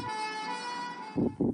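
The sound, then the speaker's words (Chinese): An ambulance siren in Zhengzhou, Henan, China holds a loud, steady wailing tone. Near the end, two short, heavier bursts of low rumble break in. No one speaks. “河南郑州十辆汽车因不给救护车让行受到处罚。”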